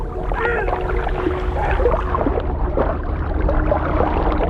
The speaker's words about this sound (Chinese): 我能听到港海豹的叫声，但并不知道这些叫声的含义。